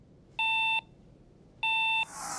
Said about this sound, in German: In Dänemark gibt es noch einen extra Warteton nach dem Drücken.